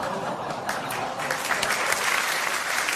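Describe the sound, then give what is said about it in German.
A crowd claps steadily throughout, dense and continuous applause at a consistent level without pauses or voices. “Ja, und da klatscht sie auch noch sauber.”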